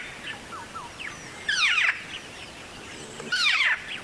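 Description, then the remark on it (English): A ground cuckoo-shrike calls in two bright, descending bursts of rapid trilled notes, separated by softer scattered chirps, against a quiet outdoor background with no voices. “Like maybe if we hear this and you can say how different your character was, the ground cuckoo shrike.”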